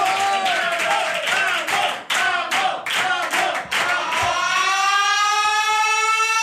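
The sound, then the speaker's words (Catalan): Loud, dense applause for someone entering the "bunker" fills the first few seconds, mixed with a wailing siren-like tone. The clapping then stops, and the rising siren carries on alone to the end. “En fi, fort aplaudiment per”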